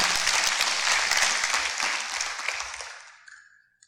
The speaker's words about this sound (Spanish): Entonces, dale un aplauso al Señor. Sí.